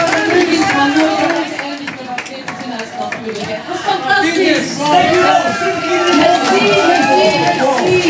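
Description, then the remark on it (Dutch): A large live crowd at a Radio 2 show in Antwerp roars steadily, with loud cheering and overlapping voices mixed with scattered clapping throughout, sustained and energetic for the whole stretch. “En ondertussen applaus”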